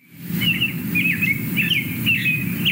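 bird, american robin song

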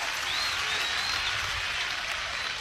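crowd, baseball crowd applause

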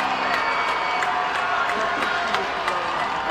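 crowd, stadium crowd cheering

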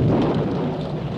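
nature, thunder

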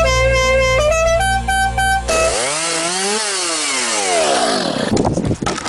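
tool, chainsaw cutting

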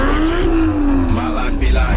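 vehicle, car engine revving

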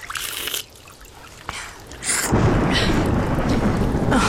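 nature, rain and thunder

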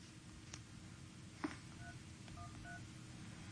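signal or alarm, telephone keypad dialing tones

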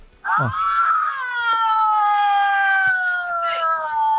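vehicle, car horn honking

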